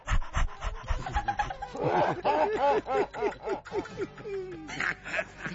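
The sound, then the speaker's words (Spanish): A small dog pants rapidly and excitedly, its quick breaths carrying squeaky, voiced edges in a steady rhythm, fairly loud with no one talking. “Muy inteligente ese perrito.”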